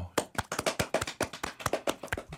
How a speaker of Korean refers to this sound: 박수!